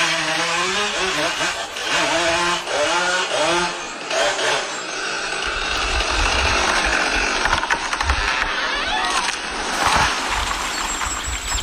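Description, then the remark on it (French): An old chainsaw in a forest, switched on with its black button marked "On", sputters to life, its engine revving up and down in pitch before settling into a loud, steady, rasping roar with occasional heavy low bursts. “D'un geste appliqué, il appuie sur le bouton noir marqué « On ». Un grondement mécanique déchire le silence.”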